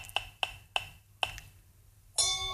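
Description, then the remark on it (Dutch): A handful of crisp digital clicks with a slight tonal ping, spaced further apart each time as a digital spinning wheel slows, then a bright electronic chime rings out and sustains as the wheel lands on number 15. “Digitaal klikje.”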